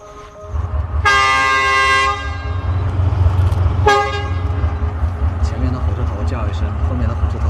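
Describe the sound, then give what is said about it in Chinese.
Two loud train horn blasts from two locomotives signaling to each other that they are ready to start, one pulling and one pushing, sound over a steady low diesel rumble: a sustained one lasting about a second, then a shorter answering toot a couple of seconds later. At Zhichun freight station on the Yunnan–Vietnam Railway, Yunnan. “意思就是 我准备好了，你准备好了吗？ 哎，你准备好了吗？两个都回答准备好了，那我们就开车， 一个拉一个推 啊。”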